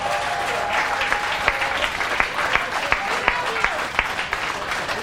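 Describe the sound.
An audience applauds steadily, a dense wash of clapping with sharper individual claps popping out through the whole stretch, fairly loud and unbroken by any voice.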